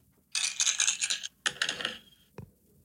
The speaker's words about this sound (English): I got the dice ready. Roll for it. Okay. Roll for it. Here we go.